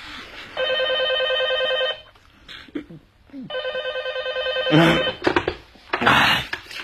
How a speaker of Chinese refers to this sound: 喝得烂醉如泥，直到第二天午后才被持续不断的电话铃声勉强唤醒。